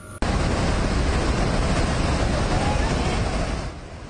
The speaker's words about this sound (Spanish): Tres miembros de una familia quedaron atrapados en el balcón de esta casa de dos pisos, mientras una enorme corriente de agua, lodo y escombros destruía todo a su alrededor.